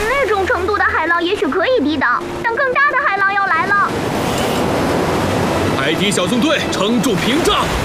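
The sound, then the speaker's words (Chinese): Voices talk at first, then a loud, steady roar of crashing surf rises and fills the second half as a storm approaches an island shore and waves pound an oyster-shell barrier, with more voices calling out over the pounding waves. “别说丧气话，伙计，看看它，海浪都无法摧毁。”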